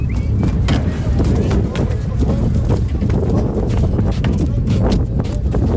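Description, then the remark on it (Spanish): Horse hooves clop and thud onto a hollow loading ramp as horses leave the sand and make a small jump up onto it, in an irregular series of sharp, loud knocks over a dense, rumbling background with voices murmuring. “Se oyen así esos cascos de caballos que dejan de caminar ya por la arena y dan un pequeño saltito cuando suben en la rampa.”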